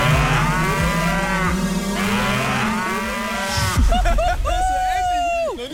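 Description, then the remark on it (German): A cow, Maya, moos loudly on a pasture, with long drawn-out lowing calls that shift into a higher, wavering moo toward the end, heard in an open outdoor setting. “Leute, unsere Kuh Maya hat gerade vor 10 Sekunden gekackt auf die Weide vor uns.”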